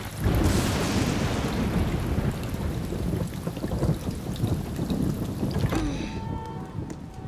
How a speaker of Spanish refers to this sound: Debería haber una ley contra la lluvia en sábado. Ay, ya parará. En algún momento.